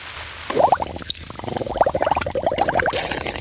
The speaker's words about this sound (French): Mais qu'est-ce que tu fais à barboter dans le lavabo ? Ce n'est pas une baignoire.